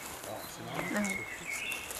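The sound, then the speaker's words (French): A faint, brief buzz from a mass of flies drones for a moment in quiet outdoor air, with thin bird chirps and a soft murmur of voices. “J'observe là, t'as un tapis de mouches, c'est excellent. Ouais, on les entend même là, si je fais doucement là.”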